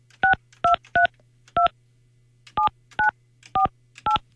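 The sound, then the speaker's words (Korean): A phone keypad being dialed to call a participant: eight crisp two-tone beeps in quick groups, separated by a short pause, over a faint steady low hum with no talking. “제가 지금 전화하는데.”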